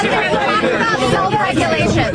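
Reporters shout questions at the president over one another at once, a dense, loud babble of overlapping voices with no single speaker standing out, sustained for the whole stretch.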